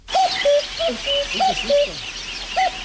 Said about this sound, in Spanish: A nadie le está sonando el despertador, es un cuco, ¿vale? Sonó un cuco que hacía desde que él vivía en el Tíbet no lo había oído y decidió que eso era una señal y que allí tenía que montar un monasterio.